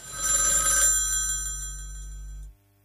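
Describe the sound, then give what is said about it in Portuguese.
A single loud telephone bell ring with a bright metallic burst that fades into a lingering tone over a couple of seconds, with a low steady hum underneath and no talking. “Ora, não é este tema que eu cometi, não foi o telefone”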